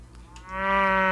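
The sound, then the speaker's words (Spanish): A single cow moos, a deep drawn-out call that swells in loudness after a brief quiet moment and holds steady to the end, with no talking. “Así hace la vaca.”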